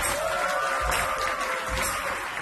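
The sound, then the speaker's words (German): Steady applause from an audience as participants of a stage performance are called up, a dense, continuous patter of many hands clapping at an even loudness throughout, with no voices standing out. “Applaus!”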